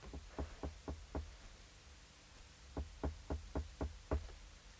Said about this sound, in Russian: Он, крадучись, поднимается к Живоедовой, несколько раз стучит к ней.